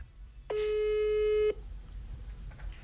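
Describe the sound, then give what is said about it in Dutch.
A single steady electronic telephone tone, from a school in Dedemsvaart calling students, sounds for about one second, loud, then cuts off abruptly, leaving faint background noise. “Daar zorgden de zenuwen er bij sommige leerlingen voor dat het opnemen van de telefoon niet meteen vlekkeloos verliep.”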